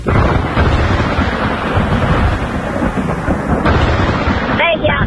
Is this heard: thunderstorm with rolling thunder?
yes